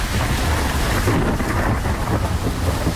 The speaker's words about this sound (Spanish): Hoy ya está lloviendo a esta hora, vamos a decirlo coloquialmente, está lloviendo a cántaros en la ciudad de Sincelejo. El ambiente que se está viviendo a esta hora en nuestra ciudad es este.